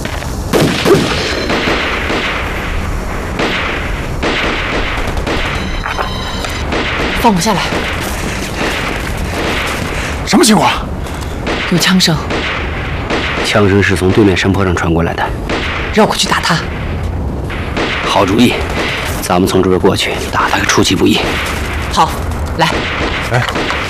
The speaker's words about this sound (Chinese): 有枪声，枪声是从对面山坡上传过来的